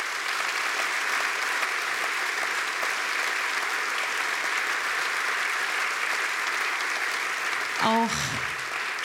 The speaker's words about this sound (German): Deswegen bitte nochmal einen Applaus für Flo Stiersdorfer am Bass.